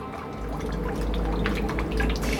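Water drips and trickles steadily into a submarine over a low, constant rumble, with a few brighter splashy drops standing out toward the end. No voices.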